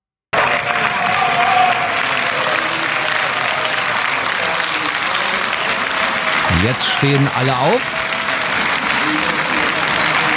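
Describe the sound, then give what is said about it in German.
Sustained, loud applause and cheering in the European Parliament in Strasbourg after the return regulation was adopted, steady and dense throughout. The clapping and cheering come from the AfD camp, with bravo calls and "send them back" chants rising over it and a voice speaking briefly. “Das Europaparlament in Straßburg hat die Rückführungsverordnung verabschiedet und danach gab es Applaus für die Mehrheit und ja, send them back Rufe, weil es mit der Verordnung leichter wird, abgelehnte Asylbewerber zurückzuschicken.”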